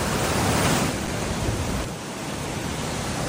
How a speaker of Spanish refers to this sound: Me gusta escuchar el río cuando lleva agua, porque hay veces que está bastante seco, ¿no?